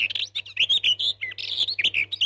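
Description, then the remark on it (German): Birdsong fills the space, a rapid stream of bright, high chirps and trills repeating in quick bursts, clear, with a faint low hum beneath and no voices. “Nur 6 Minuten Vogelgezwitscher am Tag zu hören, führt dazu, dass wir Stress abbauen, unsere Angst gelindert und das allgemeine Wohlbefinden deutlich gesteigert wird.”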